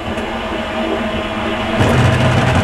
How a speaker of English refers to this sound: Whoa, what's that? No idea. The dryer just making a move? No idea. And these are new machines. That is mysterious. Oh my god. That was like an alien landing. That was really unsettling.